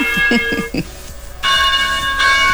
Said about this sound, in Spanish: A ver, vamos a ver si esto dice que es. Vino el Vaticano. De hecho sí dice campanas en Múnich, ok.